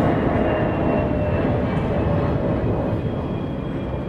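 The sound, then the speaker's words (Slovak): A steady, loud airplane engine roar as the whole plane tilts to one side, a dense low rumble with a faint whine above it, holding constant without pause or voices. “Až sa následne celé lietadlo naklonilo do strany.”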